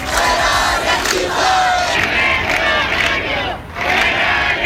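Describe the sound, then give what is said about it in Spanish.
A loud crowd at a housing protest on a Wednesday at Las Setas in central Seville, Spain, shouting together: a dense, continuous roar of many voices with rhythmic surges of chanting that briefly dip before swelling again. “El sonido de la protesta este miércoles en Las Setas, en el centro de Sevilla, también en Málaga, en Huelva, en Cádiz”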